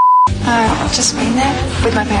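A brief, steady high-pitched censor beep cuts in at the start, then stops abruptly as a person's voice continues talking without pause.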